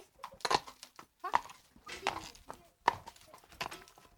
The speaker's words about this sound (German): So, wie gesagt, jetzt gehen wir mal ein paar Meter im Schritt, gell, dass ich das Pferd eben aufwärmen kann.